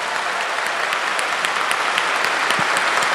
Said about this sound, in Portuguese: E agora vamos receber a bênção, mas antes de dar a bênção, eu queria uma salva de palmas ainda maior para o nosso Monsenhor Jonas Habib, fundador da Canção Nova. Pode ser melhor, Canção Nova.